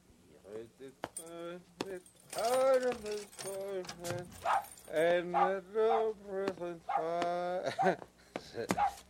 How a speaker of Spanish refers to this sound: Ven, ven, perrito. Ven. Perrito. ¡Pech, perro cobarde! Plutón. Ven, Plutón. Si quieres a tu amo, Plutón. Así, Plutón.